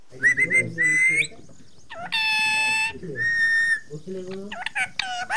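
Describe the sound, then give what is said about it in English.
A pet parrot on a balcony perch in Dambagula village, Sri Lanka, squawks and whistles, demanding rice, in a string of shrill, harmonic calls and sustained tones, loud, with bursts of chattering in between. “the parrot demands rice from her perch on a balcony in Dambagula village.”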